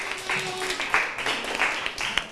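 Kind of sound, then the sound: crowd, applause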